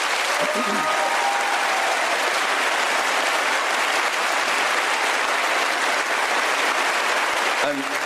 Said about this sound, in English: They did so amongst a killing spree that killed over 250 of their colleagues, journalists in Gaza. So I'd like a round of applause for them, please.